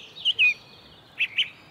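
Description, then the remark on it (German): A song thrush on Ohlsdorf cemetery gives sharp alarm calls at a young eagle owl, four thin high chirps in two quick pairs separated by a short pause, clear against quiet background. “Er fällt aber auf einer Singdrossel.”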